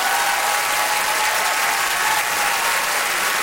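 Steady, dense applause from a sizable group at Radio-Canada for the winner of a pair of tickets, a continuous wash of clapping at even loudness throughout with no voices standing out.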